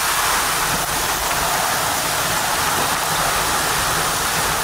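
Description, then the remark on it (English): Heavy storm rain pours down in a steady, unbroken hiss that stays loud and even throughout, with a dense rushing wash and no voices or distinct individual drops. “Now, there is a storm coming.”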